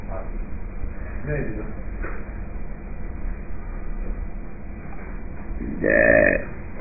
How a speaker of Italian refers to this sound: Ruttino.